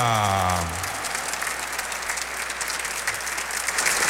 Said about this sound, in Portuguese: Uma salva de palmas para nós que viemos rezar.